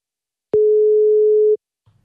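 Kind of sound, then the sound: signal or alarm, phone call ringback tone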